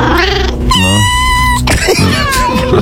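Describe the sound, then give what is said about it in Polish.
A cat lets out two drawn-out, wavering meows in quick succession, loud, with no one talking over them, during a radio segment announcing lucky numbers. “I teraz jeszcze, kotku, drugi numerek.”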